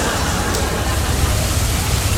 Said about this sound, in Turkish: Ama nasıl yağıyor bak. Şırıl şırıl. Mükemmel. Böyle yağıyor.